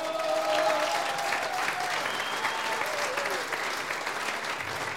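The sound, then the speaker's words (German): Sustained applause from a crowd for the women in South Tyrol's brass bands, a dense steady patter of clapping at fairly even loudness throughout, with faint voices and a brief whistle-like tone mixed in. “Ohne die Damen, ich darf einmal sagen, für alle Damen, die in Südtirol bei der Blasmusik sind, das ist einmal enker Applaus.”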